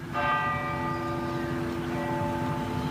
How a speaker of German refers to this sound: Nach dem Gottesdienst läuten in ganz Norwegen eine Stunde lang die Kirchenglocken.